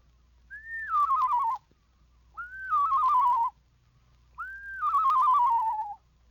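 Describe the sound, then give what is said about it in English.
A person whistles three times in an imitation of a screech owl's song, a la-la whistle made on a lower descending scale, each call rising briefly then sliding down in a wavering, quavering descent, with short pauses between. No talking. “Make the same whistle on a lower descending scale, and you have the song of the screech owl.”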